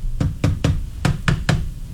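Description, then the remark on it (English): Someone thumps a buzzing device to stop its buzzing, with about seven sharp knocking blows in an uneven rhythm, with a low steady hum underneath. No one speaks. “I wonder if I hit the thing that's making the buzzing, would it fix it, you think?”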